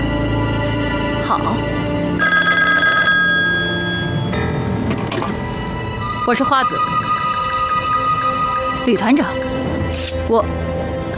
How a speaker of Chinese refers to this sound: 旅团长，请你接一下电话，谢谢。